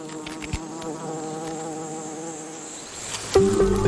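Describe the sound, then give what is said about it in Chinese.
A dense, steady drone of many honeybees buzzing around their hive, which sits next to a huge ant nest, their overlapping hum swelling louder near the end as a few bees pass by. No one speaks. “蜜蜂的蜂巢紧邻一个巨大的蚁巢。”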